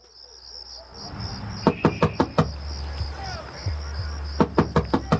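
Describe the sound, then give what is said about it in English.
Two bursts of firm knocking on a door, about five raps each, separated by a short pause, by someone standing outside in the cold, with a steady chorus of crickets chirping in the background. “Please open the door, baby. It's cold out here.”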